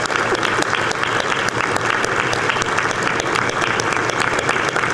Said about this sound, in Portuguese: E eu quero muito aplauso para ela.